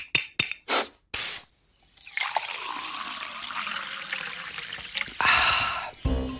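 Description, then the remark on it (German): Sparkling water is poured into a glass in a few short splashes, followed by a steady, bright fizzing hiss of bubbles, fairly loud, with a final brief pour at the end. “Es gibt ja nichts Erfrischenderes als kaltes Sprudelwasser, wenn man so richtig Durst hat.”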